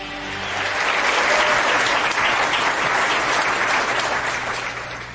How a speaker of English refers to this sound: they got the applause sign working again, so yeah, you don't have to come up.